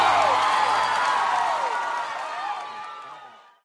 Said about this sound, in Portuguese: salva de palmas